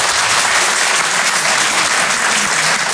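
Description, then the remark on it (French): Steady, dense clapping from the audience at the Rire et Chanson Comedy Club, in answer to a comedian asking who in the room is from the provinces, fills the whole stretch at a loud, even level, a broad crackling wash with no voices on top. “Donnez-moi de la force par applaudissement.”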